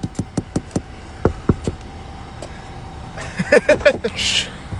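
A quick run of sharp knuckle taps on glass, then a second, slower cluster of knocks, close and crisp, followed by a brief muffled voice near the end.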